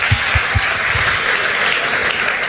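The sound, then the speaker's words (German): A crowd applauds the people behind the stage, a steady, dense wash of clapping that holds even in loudness throughout, with a few low thumps early on and no voices. “Das ist ein richtiger Moment, um einen Applaus für die Leute hinter der Bühne, die alles mitkriegen und sofort da sind.”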